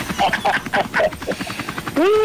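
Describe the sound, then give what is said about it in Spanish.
A voice imitates a helicopter with rapid rhythmic chopping bursts, then a rising whooping tone at the end; fairly loud and sustained throughout. “¡Ahí me va el helicóptero, bien fuerte!”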